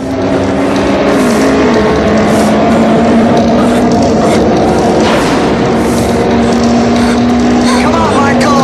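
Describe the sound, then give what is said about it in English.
Two motorbikes race, engines roaring loudly and continuously, their steady whine shifting pitch as the riders rev up and ease off, constant throughout; one rider speeds up and begins to pass the other. “He drives faster and begins to pass David.”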